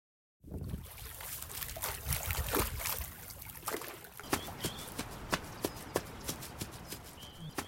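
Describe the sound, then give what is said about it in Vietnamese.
Small waves lap and ripple on West Lake (Hồ Tây) in Hanoi, Vietnam, in the early morning breeze, a soft watery wash at first, then a steady run of light, rhythmic slaps and splashes. “Mặt hồ còn phủ một lớp sương mỏng, những cơn sóng lăn tăn chạy dài theo làn gió sớm.”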